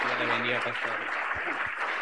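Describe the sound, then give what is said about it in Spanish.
A church audience claps steadily to welcome a pastor, in a dense, sustained wash of applause, with a low humming voice or tone sounding beneath it in the first half. “La iglesia le recibe con fuerte aplauso para Cristo Jesús.”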